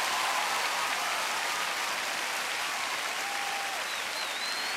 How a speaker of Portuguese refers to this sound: Aplauda mais forte o Senhor se você crê mesmo, querido. Aleluia!